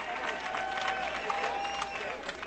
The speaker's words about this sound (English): To the applause of the Westminster faithful, see some rally towels waving in the air.